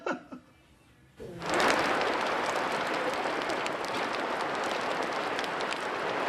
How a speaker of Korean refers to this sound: 이제 비오기 시작했다. 빗소리가 들리는데요? 아니, 하우스에 있으면 비수리가 더 운치가 있잖아요.